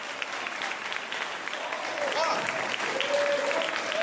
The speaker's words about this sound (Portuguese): Amém, igreja? Olha as palmas.